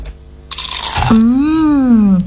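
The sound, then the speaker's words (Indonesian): A single loud, crisp crunch of someone biting into crispy kerupuk gombal, a Madiun cracker made of tapioca flour, salt and garlic, followed by a long hummed voice tone that rises and falls. “Bungkus satu lagi ya Bu, kerupuk gombalnya. Enak banget. Renyah, gurih, anti kolesterol.”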